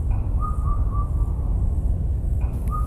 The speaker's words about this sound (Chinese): 说起来，我们镇江本地至少有三种布谷鸟呢，你们在听。